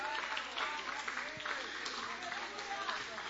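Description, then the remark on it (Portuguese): A church audience applauds the Lord at the end of a service, in a steady, dense wash of clapping that holds at an even, fairly loud level throughout, with faint voices and cheers rising underneath. “E a igreja pode aplaudir o Senhor, igreja.”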